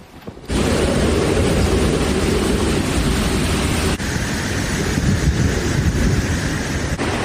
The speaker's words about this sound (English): One of the strongest super typhoons this year. It has hit U.S. territories in the Pacific Islands. You can see from these social media videos taken in Guam just how powerful the wind and rain grew over time.